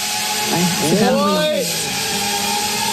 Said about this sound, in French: On sait que les drones, ça fait énormément de bruit.